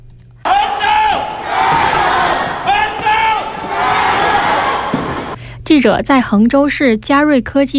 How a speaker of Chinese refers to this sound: 这几天在衡州市的物资中转点，运抵救灾物资的货车旁都会围满志愿者，他们来自不同的地方， 自发聚集在这儿，数十人排起长队接力传递物资，一声声“恒州加油”的呼喊，一阵阵卸完货的掌声，成为抗洪救灾一线动听的声音。